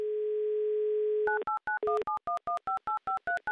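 A steady telephone dial tone hums for over a second, then gives way to a quick run of about a dozen short two-tone beeps as a number is keyed in to place a call to Chapaevsk. No one speaks.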